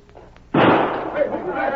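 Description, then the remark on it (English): After a short hush, a single loud gunshot, fired toward people with a visible muzzle flash, cracks out with a sudden, sharp onset, then trails off into a long, rumbling roll that lingers to the end. “Didn't get hit, did you, Hawk? That must have been it. That one came so close I could hear it whistle. I seen the flash.”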